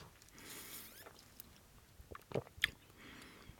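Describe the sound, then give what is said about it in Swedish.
Someone gulps down a rhubarb kombucha cocktail from a tall green-striped glass with mint, with quiet wet mouth sounds building to a few sharper swallowing clicks near the end. No one speaks. “Det är bara jag som hinkar i mig här.”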